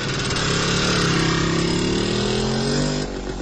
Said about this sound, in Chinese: 冯超骑着摩托车走了。